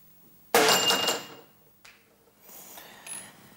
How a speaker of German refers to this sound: Das Licht hat die Aktivierungsenergie aufgebracht und die Explosion ausgelöst.